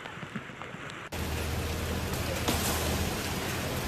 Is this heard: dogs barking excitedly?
no